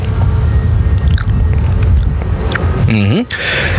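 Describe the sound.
Soft, moist chewing and biting of goat cheese at a cheese museum on one of the Canary Islands, with squishy mouth noises and a brief voiced murmur near the end, all at a steady moderate loudness.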